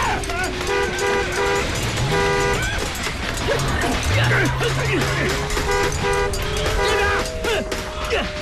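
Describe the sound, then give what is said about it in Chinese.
A car is started and driven, its engine revving up and running, the low hum rising and holding steady, while car horns toot repeatedly in short bursts over a dense, noisy background. “甩鞭子，发动汽车”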